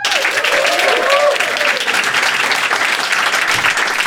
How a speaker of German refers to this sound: Mach mal Applaus